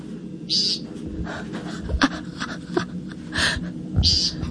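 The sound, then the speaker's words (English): An American woodcock gives three short, buzzy, nasal peent calls, spaced a few seconds apart, over a low, steady outdoor background hum. “The American woodcock.”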